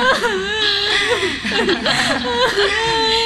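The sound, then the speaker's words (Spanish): A frightened woman fakes crying, her loud voice whimpering and sobbing in wavering, drawn-out cries that rise and fall continuously, sounding exaggerated and put-on, with no clear words. “Está asustada. No está llorando realmente. No, está fingiendo.”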